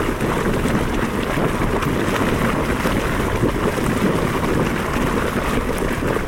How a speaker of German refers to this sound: Eine heiße Quelle in Island.